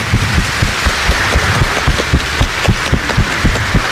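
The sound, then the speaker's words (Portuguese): A crowd claps steadily for the full four seconds in applause for the catechists, a dense, even patter of many hands with a few sharper claps standing out, loud and without any voices. “Vamos dar uma salva de palmas aos nossos catequistas.”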